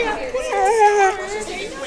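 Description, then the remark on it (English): A dense wash of overlapping voices chatters indistinctly, a steady crowd murmur with a few rising tones poking through: students gathered to pet therapy dogs during a bustling lunch hour in PSU's student union. “The local therapy dogs sat patiently as students gathered to pet them during a bustling lunch hour in PSU's student union.”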